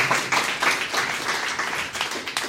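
An audience applauds steadily, a dense wash of overlapping hand claps with faint louder individual claps rising out of it, sustained at a moderate level throughout without any talking.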